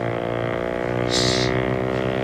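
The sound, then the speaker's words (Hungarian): A motorboat on a lake, carrying Italian border police, drones steadily, its low, even engine hum unbroken throughout, with a short burst of hissing spray partway through. “Hallod ezt? Mi ez? Motorcsónak.”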